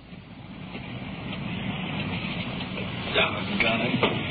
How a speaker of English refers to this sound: Doggone it. I got my feet wet getting into the car. Rain's really coming down now.